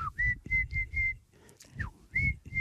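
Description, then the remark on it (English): Someone whistles an imitation of tui birdsong: a run of short, steady high notes with breathy puffs, a quick downward-sliding note and a small click partway through. “Because there's, you can hear this tui sort of going.”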